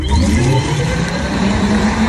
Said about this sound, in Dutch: En dus hebben die Tesla's en die elektrische auto's, ook als ze achteruit rijden, dan klinkt het zo futuristisch.